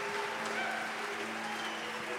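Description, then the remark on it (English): A large crowd in Omaha boos a man as he walks out, in a steady, continuous roar, with low droning voices held over a broad wash of noise for the whole stretch, fairly loud and unbroken. “Man, they start booing you as soon as you walk out here.”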